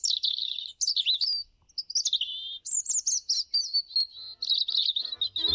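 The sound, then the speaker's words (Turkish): A European robin sings a long, varied run of high, warbling phrases and thin trills with brief pauses between them, clear, with no one speaking. “Doğa takvimini bugün Kızıl Gerdan'ın şarkısıyla bitirelim.”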